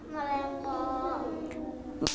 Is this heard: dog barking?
no